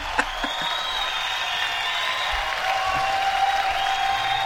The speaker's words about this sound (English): Well, give me a big round of applause. There you go. Thank you. I don't get enough of them.